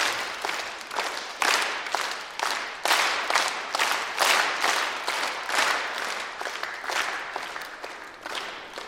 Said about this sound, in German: Okay, dann machen wir jetzt dann wieder einen Dreiertakt. Und dann werde ich lauter zeigen, dann müsst ihr lauter klatschen und leise, dann leise.